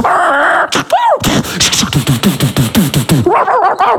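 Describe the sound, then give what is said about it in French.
A dog barks and yelps in a rapid run of sharp, pitched cries, with a whining whimper at the start and more strained whines near the end, loud. “Il aime pas les chiens.”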